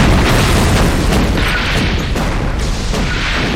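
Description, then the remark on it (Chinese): Artillery shelling explosions roar in a dense, continuous barrage, loud booming blasts overlapping with rumbling low-end and crackling bursts throughout, with no break between impacts. “继续轰，继续轰啊，轰死这帮狗娘养的。”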